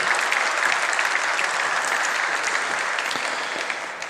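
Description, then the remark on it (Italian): Steady applause from an audience, a dense crackle of many hands clapping at a fairly loud, even level, tapering slightly toward the end, with no voices over it, as the Italian Minister of Enterprises and Made in Italy, Adolfo Urso, is called to the stage for a round table. “Vi chiedo un applauso per favore, grazie.”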